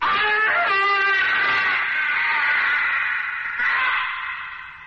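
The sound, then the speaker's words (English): A piercing, shattering scream from a tiny black imp imprisoned in a bottle, high-pitched and loud, holds for nearly five seconds with a wavering tone, briefly catching before trailing off at the end. No one speaks. “But you didn't expect a minor gesture could cause that piercing, shattering, evil scream that shriveled your tolerance to a shivering fear.”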